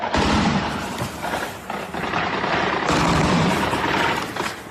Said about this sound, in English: Russian air defences trying to shoot down Ukrainian drones in Crimea.